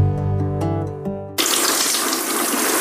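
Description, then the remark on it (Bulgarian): A brief tonal musical passage cuts off abruptly and loud, steady water pours and splashes, a continuous rushing gush as someone pours water over a Triano BG cabinet in a bathroom. “Защо поливаш кафа в банята?”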